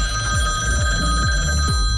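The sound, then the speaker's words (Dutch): A telephone rings within a music track, played as a quiz hint. Its steady, continuous electronic trill and bright tones are sustained throughout over a low rhythmic pulsing backdrop, with no one talking. “En telefoon die overgaat”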